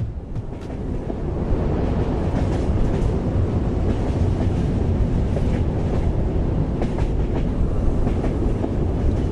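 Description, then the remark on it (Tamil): A train speeds along the tracks with a steady, heavy rumble and a faint rhythmic clatter of wheels on rails, loud, with no voices. “வேகமாக போயிட்டுருந்த அந்த ட்ரெயின் திடீர்னு ஒரு பிரேக் அடித்து நிற்குது.”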